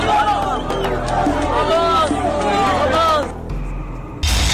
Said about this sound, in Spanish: escuchamos varios sonidos, la entrada de migrantes a Ceuta la semana pasada, allá en la parte norte de África, este enclave español que está justamente en la parte norte africana.